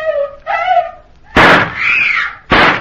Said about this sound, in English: they are warned of approaching danger by several shots,